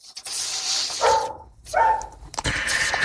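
A dog barks twice, about a second apart, each bark short, over a steady hiss of background noise with no one talking.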